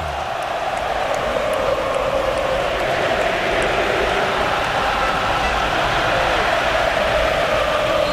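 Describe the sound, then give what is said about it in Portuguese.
A large crowd of Argentine football fans at MetLife Stadium roars in support of the Argentina national team, a dense unbroken wash of cheering and chanting that stays loud and even throughout, with no single voice standing out. “Tentando defender o seu título aqui, agora a torcida vem junto. Ouça um pouquinho do MetLife, ó.”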